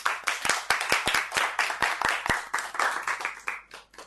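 A group of people clapping their hands together, a dense patter of overlapping claps with sharp individual slaps standing out, steady for about four seconds before tapering off.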